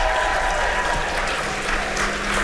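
Sustained applause from an audience for a performer, a dense, steady wash of many hands clapping at once, loud, with no talking over it.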